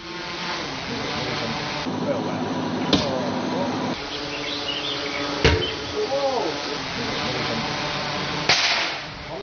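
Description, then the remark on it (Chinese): Three crisp, sharp cracks as metal arrows dropped by a drone from 25 metres strike and pierce an 11 mm wooden board, an 8 mm gypsum board and a 1 mm iron sheet in a test by Chun'an police and the forestry bureau. The cracks are spaced a few seconds apart over a steady, busy background hum. “随着3声清脆的响声，金属利箭从高空落下，将3种不同材质的物品全部贯穿，在场人员无不为之心头一震。”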